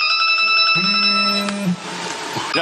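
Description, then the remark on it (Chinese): A mobile phone rings with a bright electronic ringtone of sustained, shifting tones, loud and continuous, while a busy, noisy background swells around it in the second half. “谁电话？谁的电话了？给我挂了！”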